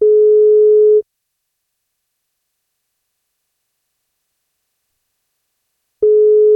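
A steady telephone ringback tone of an outgoing call plays for about a second, then silence for several seconds before the same tone starts again, clear, with no voices. A radio breakfast show is calling a listener on their birthday.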